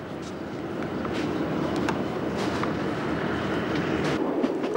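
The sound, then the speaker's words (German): A train of the Chemin de Fer de la Corse on Corsica, pulled by a replacement engine from Bastia, rolls steadily along the rails, heard from on board, with a continuous low rumble and faint repeated clicks and clacks of the wheels over the track joints. “Nach einer Stunde ist eine Ersatzmaschine aus Bastia gekommen.”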